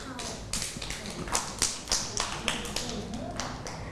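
A small group of children clap in a loose, uneven patter of sharp hand claps, with several louder claps standing out over a few seconds.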